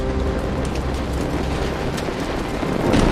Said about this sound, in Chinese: 一声巨响，炼铁炉发生了剧烈爆炸，火舌从炉口处喷出，带着铁水、炉渣和炉料和上千摄氏度的高温，一股脑地直冲向几丈远的砖墙，冲倒了一大片。